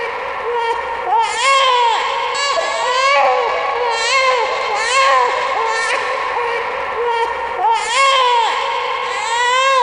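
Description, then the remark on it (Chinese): A newborn baby cries continuously and loudly, with repeated wailing bursts rising and falling in pitch over a faint background murmur. “对于当时动荡的时局来说，无人能够预测这个新生婴儿的未来。”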